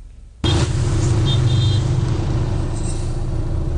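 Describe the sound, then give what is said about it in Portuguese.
Slow, stopped-up Monday road traffic on the Norte Sul road in Grande Vitória, heading toward Porto Canoa and Barcelona in Serra, rumbles in steadily after a brief quiet start, with low engine drone, idling vehicles in a queue and a faint high hiss like an air brake, no voices. “O José compartilhou também a situação do trânsito por lá.”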